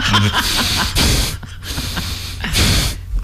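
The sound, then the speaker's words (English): A voice imitates a stranger's heavy, rasping breathing down someone's neck at an ATM, with three loud breathy bursts of inhale and exhale in an uneven rhythm and no words spoken. “Into just breathing down your neck.”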